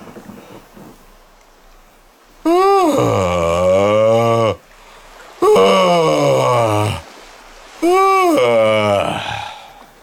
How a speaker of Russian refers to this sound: Все-таки вы могли бы показать разницу между зевком металлурга, например, да? Пожалуйста, да? Пожалуйста. И зевком кораблестроителя.